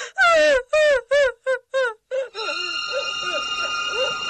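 A woman wails and sobs loudly in a rapid series of gulping, pitch-falling cries, then keeps whimpering more softly over a steady, sustained background tone, while three men sit silent in the room.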